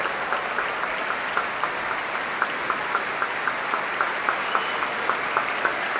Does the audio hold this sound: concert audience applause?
yes